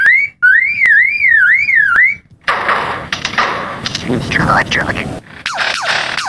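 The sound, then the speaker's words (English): A lyrebird mimics mechanical noises, including the click of a camera: a warbling, siren-like whoop rising and falling for about two seconds, then a loud jumble of harsh rasping bursts, sharp clicks and swooping whistles. “The lyrebird is one of the best of all bird mimics.”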